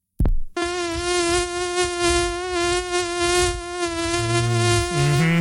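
A steady, high-pitched mosquito whine drones for several seconds, holding a constant buzzing tone with slight wavering, with a few low rumbles underneath near the end.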